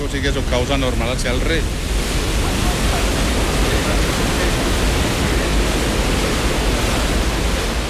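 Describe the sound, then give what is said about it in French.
Loud, steady roar of water, after passing through a hydroelectric turbine, rushing and churning into the outflow basin called the Almenara, continuous throughout, with a voice speaking briefly over it at the very start. “Après être passée dans la turbine, elle arrive ici, dans ce bassin de sortie qu'on appelle l'Almenara.”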